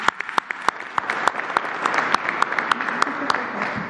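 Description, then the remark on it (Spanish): A crowd claps steadily, with a dense wash of hand claps and sharp individual claps popping out irregularly above it, holding at a moderate level for the full few seconds. “Un aplauso muy grande.”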